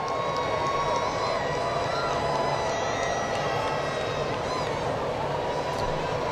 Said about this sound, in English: He's from Atlanta, like we mentioned earlier, and you could hear a pretty strong section of the stadium cheering for him. That's certainly his family and friends.